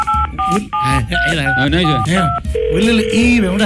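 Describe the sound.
A telephone sounds with a quick series of paired electronic beeps, then a long steady tone, all fairly loud, while people talk over it the whole time.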